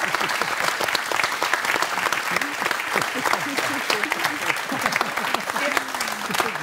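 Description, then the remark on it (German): Steady audience applause for a couple happily married for more than 40 years fills the whole stretch, many hands clapping densely and evenly at a fairly loud level, with a few voices faintly mixed into the crowd noise. “Das ist schon mal ein Applaus wert.”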